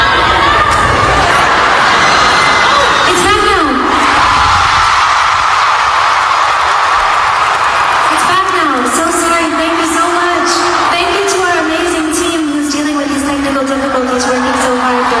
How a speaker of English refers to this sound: While she was performing the title track, her microphone just suddenly cut out, but she stayed calm and she let the crowd help carry the song until the issue was fixed.